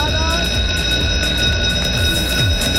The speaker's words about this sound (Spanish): Vámonos al salón. El timbre, el timbre, por favor. Vámonos ya al salón.